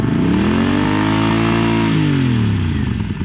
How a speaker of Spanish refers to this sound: Nos montamos en nuestras motocicletas Harley, llevando chaquetas de cuero negro y todo lo demás, y yo con mi cabello largo y barba.